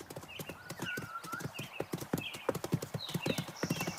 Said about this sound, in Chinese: 随着鹿儿羊蹄自由奔跑的身影